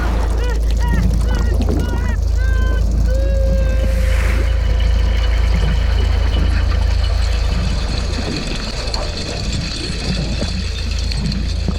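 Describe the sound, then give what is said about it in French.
A trawler's engine rumbles in a deep, steady drone throughout as it approaches a swarm of krill, while a scatter of chirpy, warbling calls and a brief sustained whistle-like tone rise above it in the first few seconds. “Oh non, j'entends un bruit de moteur qui s'approche de l'essaim de krill.”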